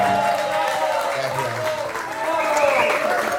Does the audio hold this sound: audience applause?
yes